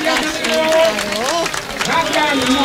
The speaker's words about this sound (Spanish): Y colorín colorado, este cuento se ha acabado. Pero aplaude, si te ha gustado.